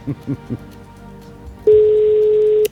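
A single steady electronic phone ring tone sounds for about a second, loud, as if heard through a handset, preceded by a few short faint blips; a call to a game contestant who must answer with a word before the fifth ring.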